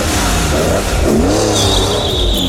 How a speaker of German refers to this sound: Aufgetunte Autos oder Motorräder, die auch gehört werden wollen und sowas von uns an uns vorbeibrettern. Die Stadtpolizei in unserer Landeshauptstadt geht jetzt mit speziellen Messgeräten dagegen vor.